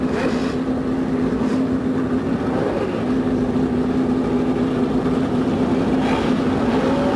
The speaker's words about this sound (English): The roar from 35 normally aspirated engines goes up along the main straightaway here at the Indianapolis Motor Speedway. And in just a few moments, the pace cars will pull away with the 35 starters behind.